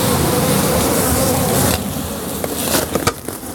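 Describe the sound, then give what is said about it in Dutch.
A dense, steady buzzing of many hornets flying around wooden beehives in a garden, loud for the first half then thinning out, with a few sharp knocks and clicks near the end. “En een soort grote, wespachtige beesten vliegen eromheen. Geen bijen. Nee, dit zijn hoornaars.”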